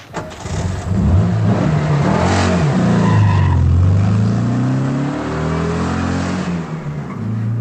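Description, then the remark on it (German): A car, driven by a woman, starts and revs, its pitch rising and falling as it pulls away, loud throughout with no talking. “Der Wagen meiner Schwägerin und die Zigarren meines Schwagers.”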